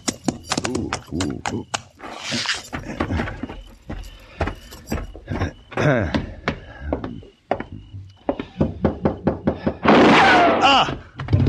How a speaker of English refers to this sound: It was a gunshot at Lola.